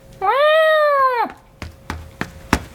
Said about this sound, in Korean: 현우의 어깨 위로 올라온 도련님이 큰 소리로 야옹거렸다.